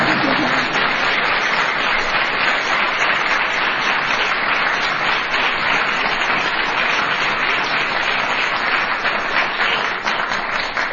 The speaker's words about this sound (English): Yes, you could applaud.